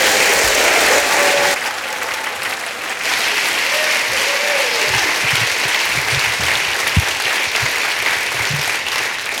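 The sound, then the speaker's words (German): Steady, loud audience applause, a dense wash of clapping from a large crowd that continues without a break, welcoming a performer from Bad Kreuznach onto a stage in Schwäbisch Hall. “Ihr klatscht ihn bitte auf einer Woge des Applauses hier auf die Bühne.”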